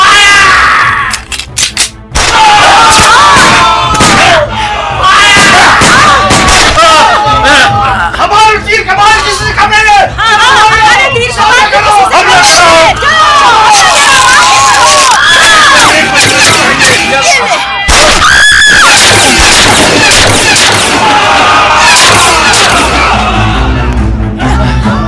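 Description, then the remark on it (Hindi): A loud battle scene as an army attacks revolutionaries with guns: a crowd shouts and yells continuously while sharp gunshot cracks punctuate the din, with a brief lull before the clamor surges again. “सेना ने बंदूकों से क्रांतिकारियों पर आक्रमण कर दिया।”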